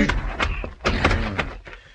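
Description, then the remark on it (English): A series of dull, heavy thuds of a man hitting another man with a club at the back door of the Four Aces Saloon, landing in quick irregular succession, fairly loud, with no voices. “On the way, I picked up a club.”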